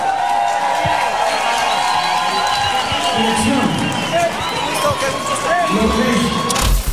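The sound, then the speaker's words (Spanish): A crowd claps and cheers loudly and steadily, a dense wash of applause with whoops and excited voices rising over it throughout. “Un aplauso”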